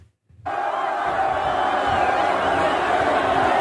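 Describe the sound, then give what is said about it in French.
A large crowd of mostly young people watching a match on a giant screen in the evening at Plaza Colón in Madrid, Spain, erupts into loud, sustained cheering and roaring after a brief quiet start, the dense wall of shouting voices holding steady to the end. “Voilà la foule composée très majoritairement de jeunes qui a suivi le match devant un écran géant.”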